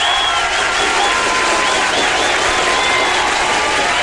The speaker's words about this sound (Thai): ต้องมีเสียงปรบมือต้อนรับกันสักนิดนึง